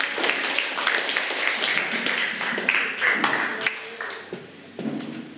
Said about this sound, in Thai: ถูกต้องปรบมือให้กับเพื่อนด้วยค่ะ